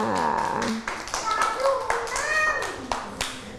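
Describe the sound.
A group at a school claps steadily for a few seconds for a child who answered correctly, a dense, fast patter of many hands at an even loudness, while young voices call out over the applause.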